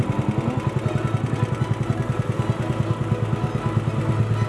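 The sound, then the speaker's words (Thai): A small boat engine runs steadily, its low, rapid putter pulsing evenly throughout with no voices over it, as the boat heads out on the Phra Khanong canal with fishing gear to collect fish traps set under a bridge. “ทุกวันหยุดจะขับเรือลำเก่งพร้อมอุปกรณ์ใส่ปลาออกไปกู้รอบที่ดักไว้ใต้สะพานในคลองพระโขนงครับ”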